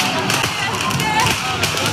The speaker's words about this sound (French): À Grenoble, plusieurs individus qui tirent des mortiers d'artifice.